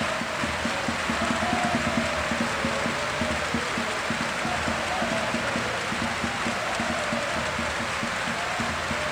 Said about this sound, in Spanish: ¡Qué pasada! Sin ningún debate, todo el Rocha Arena puesto en pie para aplaudir el nombre de Jan Montero.